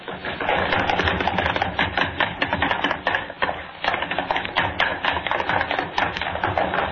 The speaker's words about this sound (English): I want running footsteps, all three of you. Across the studio floor, up the stair steps. You stomp and run back down.